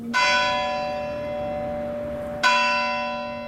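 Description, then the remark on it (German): A church bell in the village of Bardenac strikes the full hour with two strokes, each ringing with a bright metallic clang and a long, slowly fading hum, heard alone with no voices. “Nach dem Glockenschlag zur vollen Stunde wirkt die Stille noch stiller.”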